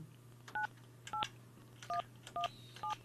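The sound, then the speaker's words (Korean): Five short telephone keypad tones beep in an even sequence, each a crisp dual-pitched blip, over a steady low hum with no voices, as a phone number is dialed again to call a listener. “자, 전화가 다시 한번 제가 다시 한번 눌러 주세요.”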